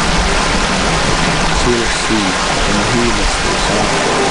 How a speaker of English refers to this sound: This creek's named after my grandfather, by my great-grandmother. They lived on a village site called Quinanich. So I call it Monte Creek / Quinanich.